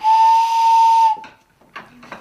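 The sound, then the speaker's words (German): Two pipes taken out of a barrel organ's casing are blown together for just over a second, giving a loud, steady, breathy whistle like a train whistle. Afterwards come a few faint knocks and rustles. “baut schnell zwei Pfeifen aus dem Gehäuse der Drehorgel”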